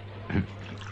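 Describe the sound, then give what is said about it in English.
A quick splash of pest killer squirted from a bottle onto an ant on a desk, one brief wet burst over a steady low background hum, with no one speaking. “That's not a water bottle, sir. That's full of pest killer, you see.”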